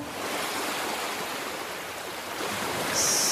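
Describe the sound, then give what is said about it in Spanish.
A steady rush of open-sea waves, a continuous broad wash of surf with no distinct breaks, briefly joined by a brighter hiss near the end. No voices. “Estamos en pleno mar.”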